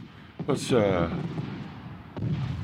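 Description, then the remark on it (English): Distant Fourth of July fireworks thud and crackle in a few dull bursts in the background of a radio station, a couple close together early and another near the end, over a murky background where a voice seems to murmur. “Let's admire the fireworks as they go off in the background here at KOPN.”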